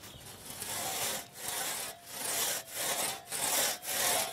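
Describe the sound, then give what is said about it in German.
A large 1.5-metre two-man crosscut saw, a type formerly used by forest workers, rasps through a tree trunk in steady back-and-forth strokes, each person pulling in turn, about six brief pauses marking each change of direction, fairly loud with no voices. “Eine sogenannte Trummsäge, wie sie früher von Waldarbeitern benutzt wurde.”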